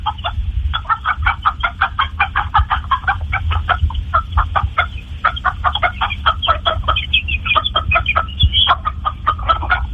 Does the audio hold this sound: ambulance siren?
no